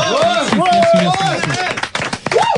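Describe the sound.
An audience claps steadily for a technical crew member seated at the table, a dense crackling patter with voices whooping and calling out over it.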